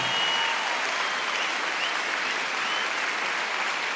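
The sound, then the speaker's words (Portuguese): A crowd claps for the Lord steadily for four seconds, a dense, even wash of applause that holds the same loudness throughout with no voices standing out. “Vamos aplaudir o Senhor pela vida dos peregrinos”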